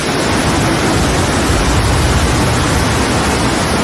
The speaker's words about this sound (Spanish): Oigan cómo cae, ¿eh? Esto es Torrent, donde se han llegado a acumular cerca de 100 litros por metro cuadrado. Ha llovido mucho en muy poco tiempo. Una tromba de agua que ha anegado calles y el metro de Valencia.